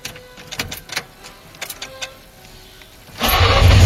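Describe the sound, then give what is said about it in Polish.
An old FSO Syrena car engine, a model FSO began producing in 1972, cranks repeatedly in uneven bursts with ignition trouble, struggling to catch, then finally roars to life with a loud, rough idle at the end. Fairly loud. “Zaczęło się historycznie, bo on miał problem z zapłonem. Oj, bardzo. To oczywiście syrena została, za ten cud techniki został zaprezentowany światu w 1972 czyli roku.”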